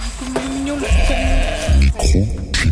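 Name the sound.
sheep bleating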